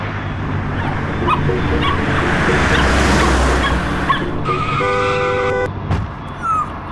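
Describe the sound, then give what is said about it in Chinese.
A small dog yelps and whimpers in distress after apparently being hit by a car, amid loud traffic noise, with a car horn blaring partway through and a rumbling vehicle passing. “哎，那只狗狗好像被撞到，哎，怎么办？”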